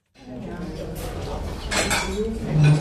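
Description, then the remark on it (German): Busy kitchen clatter in a small restaurant, with dishes, pots and cutlery clinking and knocking in a steady jumble, bright metallic chinks rising over a low rumbling background, with faint voices mixed in. “Eine Küche, ein paar Tische und Stühle, ein kleines Lokal.”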